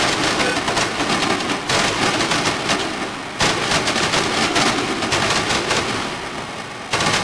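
Dense, rapid-fire explosions of the grand finale of a Fourth of July fireworks show, a loud continuous barrage of booms and crackles with only brief pauses, no voices.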